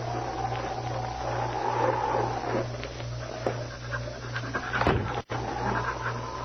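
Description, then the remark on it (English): A dog named King pants rapidly and steadily, with high, thin whines rising over the breathing, all above a constant low hum. “Quiet, King. Quiet, boy.”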